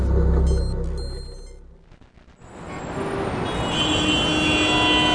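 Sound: street traffic noise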